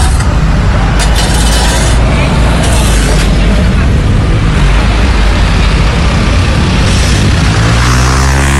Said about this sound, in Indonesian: Baik kawan, ini kita bisa lihat ya, untuk arus lalu lintas sudah mulai berjalan.